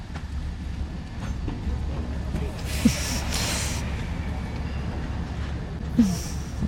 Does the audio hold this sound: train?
yes